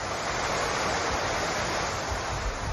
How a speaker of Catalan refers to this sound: Aquest que sentim és el riu Besòs, que ha superat el cabal registrat durant el temporal Glòria. L'Agència Catalana de l'Aigua ha emès un avís de risc hidrològic per superació del llindar de perill al riu Besòs al seu pas per Santa Coloma de Gramenet